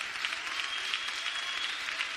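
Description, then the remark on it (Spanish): Sustained, dense applause from a large audience clapping for God in worship, many hands clapping at once in a steady, loud wash of sound without pauses. “Recibe este aplauso que hoy se eleva a ti, oh Dios.”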